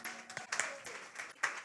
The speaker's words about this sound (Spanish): Dar un prenda de palmas al Señor, mi hermano. Si le agregan gloria a Dios, mucho mejor. Aleluya, que Dios me bendiga y gocémonos en la presencia de Dios. ¿Será que voy a dar el aplauso a Cristo, hermano?